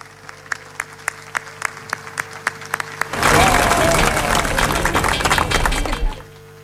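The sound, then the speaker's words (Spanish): An audience at a Mass for the feast of San Lorenzo applauds the permanent deacons, breaking into loud, sustained applause that builds suddenly and fills the space for about three seconds, preceded by a few scattered individual claps, then fades out. “A propósito de aplausos, queridos hermanos, hoy día en la fiesta de San Lorenzo, todos los diáconos permanentes de la iglesia están de fiesta, los de nuestra diócesis también, así que un fuerte aplauso para ellos.”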